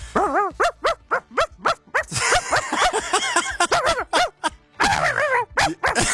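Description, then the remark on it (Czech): A person imitates a tiny chihuahua, letting out rapid, high-pitched yappy barks in quick bursts, fairly loud, with whiny yips mixed in across the stretch. “Tak mám, malinko, po ránu takhle zaštěkat. Tak nějakýho rozkošního pejska. Malinkýho. Čivavku.”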